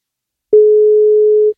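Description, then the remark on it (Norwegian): A single steady telephone ringing tone, one clean beep lasting about a second after a brief silence, fairly loud and alone, as the radio station NFM places an outgoing call to a contest participant. “Og skal vi se om vi får tak I noen som har deltatt I konkurransen her.”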